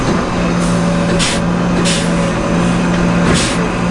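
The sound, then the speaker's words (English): An MBTA ballast tamper, a machine the size of a school bus, pressing vibrating metal fingers into the rock beds around train tracks to level and stabilize them: a loud, steady engine drone with a low hum, broken every second or so by sharp bursts of hissing, pneumatic-sounding noise. No one speaks. “There's a machine the size of a school bus called a ballast tamper. It presses vibrating metal fingers into rock beds that settle around the train tracks.”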